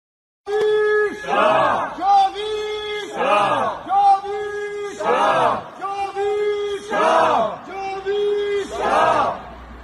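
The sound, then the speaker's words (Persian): At a protest in Munich, a crowd of protesters chants a slogan in unison, the same rhythmic phrase repeating roughly every two seconds, loud and steady, with many voices shouting together throughout. “یه دونه شعار داد توی مونیخ.”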